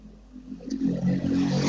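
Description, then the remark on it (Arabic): A car goes by close at hand, its rushing engine and tire noise swelling steadily over a couple of seconds against a low background rumble, with no one speaking. “في حدك شوية أصوات سيارات بس رح نجرب نسمع بعضنا أكثر.”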